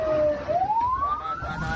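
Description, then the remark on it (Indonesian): The siren of a free ambulance service wails loud, its tone dipping briefly then climbing steadily upward, with low traffic rumble underneath and no voices. “Mari, sahabat muslim dimanapun sahabat berada, manfaatkan pelayanan ambulan gratis ini.”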